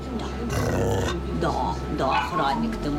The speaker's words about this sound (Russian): У першій кімнаті, де розташовані бокси з собаками та котами, нас зустрічає гучним гавкотом невисокий чорно-білий пес на колісному кріслі. Його задні лапи нерухомі.